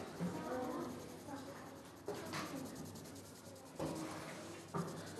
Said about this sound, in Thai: วิธีการทำภาพพิมพ์เหรียญคือให้เรานำเหรียญมาวางด้านหลังกระดาษนะครับดูนะครับด้านหลังของกระดาษและวางช่องให้ตรงกับเหรียญ นะครับสังเกตว่าเหรียญจะนูนขึ้นมานะครับจากนั้นให้เราใช้สีไม้นะครับที่เหล่าแล้วเรียบร้อยเหล่าแล้วให้ปลายแหลมนะครับค่อยๆฝนลงไปนะครับ